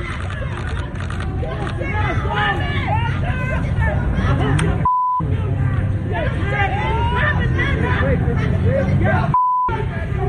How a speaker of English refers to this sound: You got crowds in the Bronx.